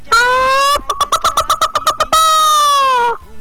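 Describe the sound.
A voice imitates an egg-laying hen's cackle: a drawn-out call, then a quick burst of about ten sharp clucks, then another long call. It is loud and stands alone.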